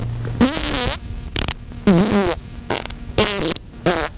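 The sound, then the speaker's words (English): A run of about five loud, buzzy fart sounds demonstrating the gas with oily discharge listed as a product side effect in a parody commercial, each a short sputtering burst with a wobbling pitch, separated by brief gaps with a low hum underneath and no talking. “You may experience gas with oily discharge, increased bowel movements, an urgent need to have them, and an inability to control them.”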